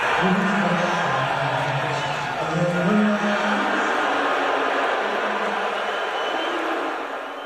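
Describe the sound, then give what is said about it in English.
A large arena crowd at a Knicks game boos as Trump appears on the Jumbotron during the national anthem: a continuous low, droning chorus of voices that swells slightly midway and holds loud throughout before easing at the end. “It was definitely boos.”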